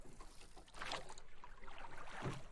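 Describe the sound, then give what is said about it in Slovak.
Oars dip and pull through water as a small boat is rowed, with two splashing strokes about a second apart over a soft, continuous watery wash, fairly loud. “Ak by som sa chcel na člne dostať z Európy do Ameriky, bolo by to veľmi namáhavé.”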